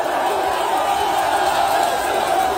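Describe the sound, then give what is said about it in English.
A large crowd of troops in a huge tunnel cheers, roars and applauds continuously for a leader walking past them to an event, a dense, steady wall of voices holding the same loud level throughout, with no single voice standing out. “He's walking by them and this is them cheering him.”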